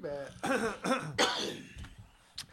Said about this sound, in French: quand a il tousse, c'est que ça va être sérieux.